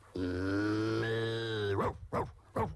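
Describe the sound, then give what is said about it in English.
A cow gives a long, low, droning moo that gives way to three short, sharp bark-like yelps in quick succession, like a dog barking, fairly loud, with no talking. “And the cow barks like a dog.”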